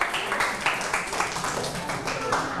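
A group of students clapping together in a dense, steady patter of many hands for a couple of seconds, with faint voices mixed into the applause.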